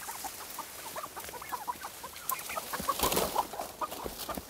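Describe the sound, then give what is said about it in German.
Turkeys hiding behind bushes cluck in a busy flock, with many short, overlapping clucks and chirps from several birds, of moderate loudness. No one speaks. “Die Puten haben sich derweil hinterm Gebüsch versteckt.”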